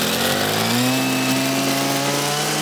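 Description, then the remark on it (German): A motorized brush cutter, used to clear a hiking trail, drones steadily at high revs, a loud continuous buzzing whine with strong harmonics that holds constant for the whole stretch, with no voices over it. “Ja, du machst mit der Muttersense schon einen bedrohlichen Eindruck.”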